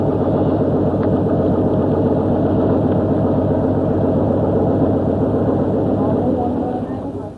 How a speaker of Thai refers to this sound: ชาวประมงหลายคนละทิ้งเครื่องมือประมงเก่าๆแล้วหันมาใช้อุปกรณ์ที่ทันสมัยมากขึ้นเรือลำเล็กที่ติดเครื่องยนต์ขนาด30แรงม้าถูกนำมาใช้แทนแรงงานคน